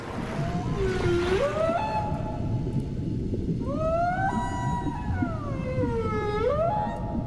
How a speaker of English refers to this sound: The humpback whale songs, sung only by males, are often love ballads sung to serenade females. How romantic of them.